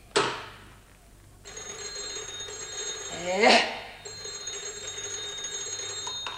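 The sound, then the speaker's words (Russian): A telephone standing on a windowsill rings steadily with a bright, high metallic jangle, breaks off briefly as a short voiced exclamation rises up, then resumes ringing until the end. “Ой, помолчи, помолчи, дай ушам отдохнуть от звона. Зачем так шумит, приятель?”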